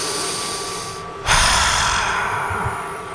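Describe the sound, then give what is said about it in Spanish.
A long, deep breath drawn in sharply through the nose, a loud airy rush that starts suddenly after a brief lull and holds for about two seconds, with no talking. “Tenemos otro mensaje vía WhatsApp que nos dice: a ver, respira.”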